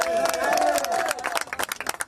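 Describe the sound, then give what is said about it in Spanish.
A crowd of young people on the shore at the Tarajal breakwater in Ceuta cheers and shouts excitedly in the early morning hours, applauding someone arriving from the sea. A high whistle or yell rings out early, then sharp, rapid clapping takes over as the noise breaks into scattered bursts. “Se lanzan al agua si escuchan gritos de auxilio desde el otro lado o aplauden cuando alguien llega.”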